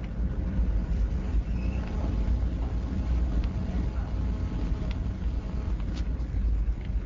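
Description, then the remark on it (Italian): A deep, continuous ferry engine rumble drones steadily throughout as the ferry departs, heavy low-end vibration with a constant mechanical hum and faint wind noise. “In questo momento il traghetto è partito, stiamo sentendo dei rumori inquietanti. C'è un rombo pazzesco.”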